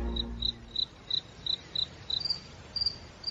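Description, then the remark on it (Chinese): A cricket chirps in a steady, evenly spaced series of short, high trills, about a dozen in a few seconds, soft, with no voices and only a faint low background hum. “蟋蟀已经变成大人玩意儿了，但是大人的兴趣在斗，而我们对于捉蟋蟀的兴趣恐怕要更大些。”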